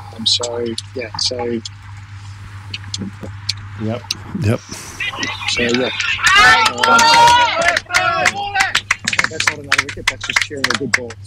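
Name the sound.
crowd cheering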